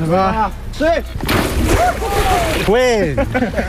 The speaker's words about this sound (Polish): Tym razem nie lecieli do ognia, ale prosto do zimnej wody i to w pełnym umundurowaniu. Taką kąpiel zaliczyli świeżo awansowani i odznaczeni strażacy z Bełchatowa. To z okazji Dnia Strażaka.